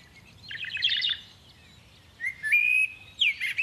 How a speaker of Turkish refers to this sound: Bu kuş sesini siz de duydunuz mu? Evet, sanki bizden yardım istiyor gibi. Ses şu taraftan geliyor.